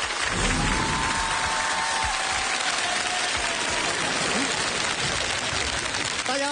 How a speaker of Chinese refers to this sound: 最终他走下台开启台上台下的创意互动，引发了现场新一轮的高潮与掌声。